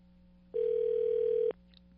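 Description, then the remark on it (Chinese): A single telephone ringback tone, as a radio programme calls a cruise line executive, sounds for about one second, a steady, loud, even-pitched beep over a faint background hum, then cuts off into quiet. No one speaks. “好，电话通了。”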